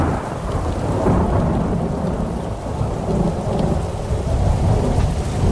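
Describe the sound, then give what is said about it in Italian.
A heavy thunderstorm with lightning in a film's opening scene, where the young Martin Luther stumbles in the mud: steady, dense rain hisses throughout while deep, rolling thunder rumbles low and continuous underneath, with no voices. “Il film inizia quando, fra lampi e fulmini, il giovane Martin Lutero inciampa nel fango”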